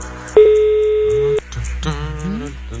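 A single steady telephone ringing tone on an outgoing call in the Otvoreni radio game Show Me The Money, one long loud electronic beep of about a second, followed by a jumble of fainter clattering from banging on a table.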